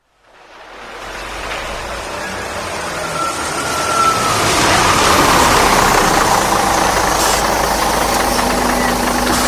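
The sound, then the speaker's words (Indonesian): A TransJakarta bus engine rumbles steadily at idle, with a broad, constant hum that swells over the first few seconds and then holds at a fairly loud level. The bus runs on Corridor 8, the Lebak Bulus–Harmoni route, in Jakarta. “Pelanggan yang terhormat, selamat datang di Bis Trans Jakarta Koridor 8 dengan rute Lebak Bulus Harmoni.”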